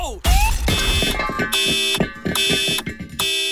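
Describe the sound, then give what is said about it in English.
A short radio ad jingle for Accident Claims Lawyers, built entirely from car crash sounds: a heavy crunching impact opens it, then loud ringing, horn-like tones pulse in a quick, bouncy rhythm of metallic hits. “Every single piece of this jingle was made from the sound of a bingle.”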